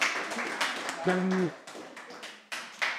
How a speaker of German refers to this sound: Bitte um einen Applaus für die Frau Nicolini.